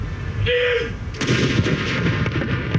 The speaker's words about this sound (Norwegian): Klokken 12, litt over 3 timer etter at hele Norge fikk vite om dødsfallet, var det tid for salutering med kanoner på Akershus festning.